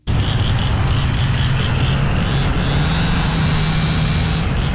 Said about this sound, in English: Morning after the tornado, the Wash Trailer Park in Boca Chica was filled with the sounds of saws, truck engines, and people calling out across the wreckage.